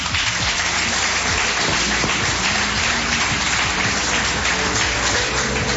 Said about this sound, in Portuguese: Palmas que louvam o nome do Senhor.